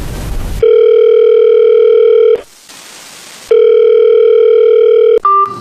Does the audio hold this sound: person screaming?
no